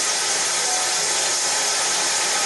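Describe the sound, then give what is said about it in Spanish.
Heavy rain pours down in a dense, unbroken hiss through an open window, loud and steady from start to finish with no voices over it. “Está lloviendo. Está fuerte el agua.”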